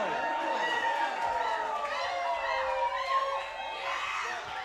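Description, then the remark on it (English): A large concert crowd screams and cheers continuously, a dense wall of high-pitched shrieks and shouting that stays loud and sustained throughout. “You might have to let them go to the bathroom real quick or something, but then keep screaming though.”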